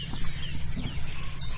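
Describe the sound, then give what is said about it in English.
A chiffchaff sings faintly at sunrise, its thin high notes repeating over a steady low outdoor rumble, with other birds calling now and then. “You got the chiff-chiff over there?”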